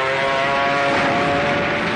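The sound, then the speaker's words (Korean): A steady, droning engine roar with a tonal hum holds at a constant loud level throughout, as dozens of Kuomintang (Nationalist) air force warplanes fly low over open fields, nearly skimming the treetops, in clear weather. “아침부터 저녁까지 적기 수십 대가 날아다녔다.”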